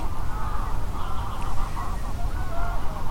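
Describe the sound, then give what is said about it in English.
A flock of geese honks continuously, their overlapping nasal calls forming a dense, steady chorus over low background rumble, with no one talking. “Until about 10 minutes ago, these geese were really quiet.”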